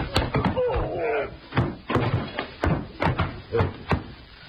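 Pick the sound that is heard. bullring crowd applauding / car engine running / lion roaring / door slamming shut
door slamming shut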